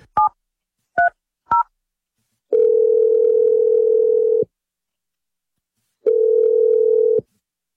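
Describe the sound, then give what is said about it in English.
Three quick keypad dialing beeps, then an outgoing call from the morning radio show Brooke and Jeffrey in the Morning rings twice: two long, steady ringback tones separated by a few seconds of silence, clear, with no talking. “Let's make the 1,000th second date phone call.”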